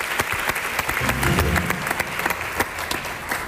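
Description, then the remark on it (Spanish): An audience applauds Daniel Samper steadily, a dense crackle of many hands clapping at once, with a brief low murmur of voices mixed in partway through. “Es fantástico, Daniel Samper, un aplauso para él, nuestro sudaca, al que echamos de menos.”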